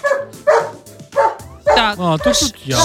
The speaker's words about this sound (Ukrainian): Так, чуєте, я вчора відео знімала, там мій коргі розгавкає, то давайте перекладемо, давайте от звук.